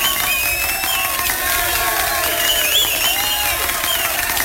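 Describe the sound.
A crowd claps steadily and cheers, many voices whooping and shouting over a dense wash of applause that stays loud and even throughout.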